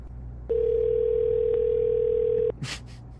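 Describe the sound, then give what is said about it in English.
A telephone ringing on an outgoing call: one steady, clear ringback tone lasting about two seconds, followed by a short rustling noise against a quiet background hum. “It's ringing.”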